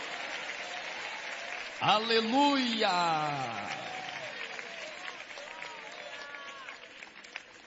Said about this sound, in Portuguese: Pode tomar o vosso assento, guarde a Bíblia com carinho e pode dar uma linda salva de palmas para Jesus Cristo.